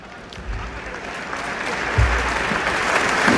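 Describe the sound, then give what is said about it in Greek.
Steady audience applause fills the whole stretch, a dense wash of many hands clapping that slowly builds in loudness, with a few low thumps underneath and no clear speech. “Χειροκροτήστε.”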